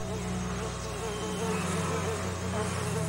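A dense, steady drone of many honeybees buzzing together, a continuous humming swarm with layered overlapping tones and no pauses, around a hive as a beekeeper in a protective veil carefully checks the colony and cleans the hive boxes.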